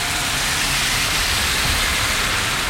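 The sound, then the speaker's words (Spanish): A dense, steady roar of very heavy rain pours down without a break at 12:51, loud, filling the whole clip with a continuous hiss and rumble and no voices. “De hecho, Cristóbal Figueroa, que está al otro lado del vidrio, me dice que no escucha nada porque es tan fuerte la lluvia.”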